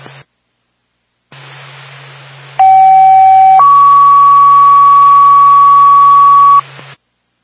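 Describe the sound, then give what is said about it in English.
Fire dispatch paging tones over a radio from Twin State dispatch for the Twin Mountain Fire Department, for a fire alarm activation at 130 Little River Road: a loud steady one-second tone, then a higher tone held about three seconds, with hissing static before and after. “Time of your tone, 1234.”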